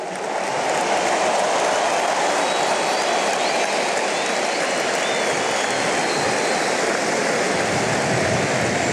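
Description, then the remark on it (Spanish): A large crowd applauds Messi during his speech, a dense, loud wash of clapping that holds at an even level for about nine seconds with no speech over it. “Bien Messi, manejando los tiempos, con el discurso, los aplausos.”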